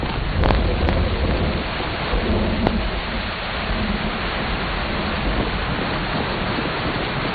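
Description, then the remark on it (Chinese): Steady, heavy rain pours down in a dense, even hiss for the whole stretch, with a few sharper spatters standing out early on. No voices are heard. “哎，下雨了，咱们先到前面避避雨吧。”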